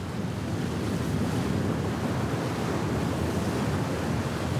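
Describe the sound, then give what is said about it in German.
Strong wind roars steadily over crashing sea waves around a ship at sea, a dense, continuous rush with heavy low-end buffeting against the microphone, loud and unbroken throughout, with no voices. “Solange die Crew da mitspielt, die Schiffe sind meistens das kleinste Problem bei viel Wind und Wetter.”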